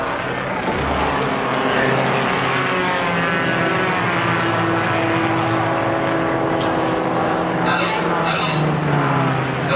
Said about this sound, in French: Le drapeau tricolore s'abaisse. Les pilotes courent à leur voiture et démarrent. Tout de suite, les deux Ferguson prennent la tête.